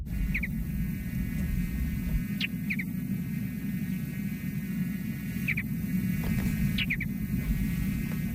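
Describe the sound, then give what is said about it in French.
A mountain bluebird gives soft, short chirps, often in quick pairs, repeating every couple of seconds over a steady low rumbling hum. No one speaks. “Et ce merle bleu azuré, on va l'entendre à l'instant.”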